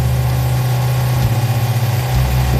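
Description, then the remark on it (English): A boat motor idles, a steady low rumble with a faint rhythmic pulsing that swells slightly near the end. It is one of the boats launched by Sheriff Brett Stacy at Whiskey Bay, on the corridor between Baton Rouge and Lake Charles. No voices are heard. “Sheriff Brett Stacy launched a couple of boats to show us one of the first places he and his deputies thought to look.”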